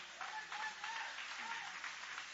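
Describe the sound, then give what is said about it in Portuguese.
A church audience applauds God after a Bible reading, a dense continuous wash of many hands clapping at moderate loudness, with faint voices calling out beneath the applause. “E podem aplaudir a Deus com alegria.”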